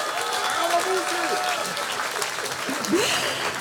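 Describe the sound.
Steady audience applause for two club chairmen at a Radio Niederösterreich Frühschoppen marking 50 years since the town's elevation to town status, a dense, even patter of many hands clapping at a fairly loud level, with faint voices murmuring underneath.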